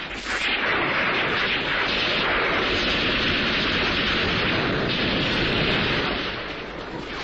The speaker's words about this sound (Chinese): 枪炮声越来越紧，一场激战就在这冰雪三尺的丛林江边展开了。